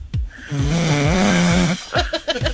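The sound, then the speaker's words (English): One loud snore: a long rasping, buzzing inhale that drones for over a second, followed by a few short snorting breaths. No one speaks. “And that is the snoring.”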